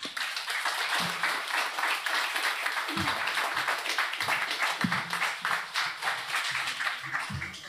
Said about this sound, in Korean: 두분큰 박수로 앞으로 모시겠습니다.